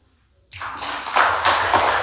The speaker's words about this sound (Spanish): Le brindamos esos fuertes aplausos, agradecemos las palabras, secretario de Relaciones de la Central Villaverde